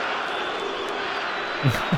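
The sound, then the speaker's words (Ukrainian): A steady wash of football crowd noise at the Ukraina stadium fills the whole moment, a dense, continuous roar of many voices chanting from the stands, with a couple of brief louder bursts near the end. “Ну, я б красномовний зараз вигук із трибун звучать, але я б не погоджувався із тим, що скандують із трибун стадіону «Україна», тому що футболісти самі спровокували всю цю історію.”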